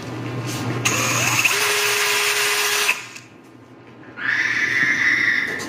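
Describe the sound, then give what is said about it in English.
A power drill being used in a garage whirs loudly and steadily for about two seconds, then cuts off; after a brief lull, a shrill, high-pitched whine starts up and carries on to the end. No one speaks. “You're using your drill in the garage, and then you hear this weird noise when your drill goes off.”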